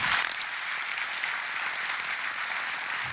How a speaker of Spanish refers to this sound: Les pido un aplauso para esta persona.